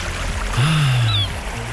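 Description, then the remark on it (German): A steady, rushing wash of ocean waves fills the short stretch, with a brief, thin seagull cry rising faintly above the surf near the middle. No one speaks. “Die Wellen. Und die Möwen, wenn Sie das alles bei uns hören, dann ganz schnell SWR4 anrufen.”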